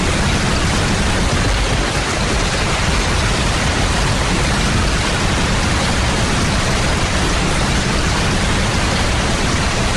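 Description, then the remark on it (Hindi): Steady, heavy rain pours down without pause on a day in the month of Ashadh, a dense continuous hiss that fills the whole scene, with no voices or other sounds breaking through. “वही आषाढ़ का दिन है, उसी तरह मेघ गरज रहे हैं, वैसी ही वर्षा हो रही है, वही मैं हूँ, उसी घर में हूँ।”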